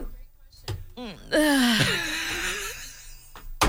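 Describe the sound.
A single recorded sneeze, the second of two: a quick, rising intake of breath followed by a loud, explosive burst with a voiced, wavering tail that fades over about a second and a half.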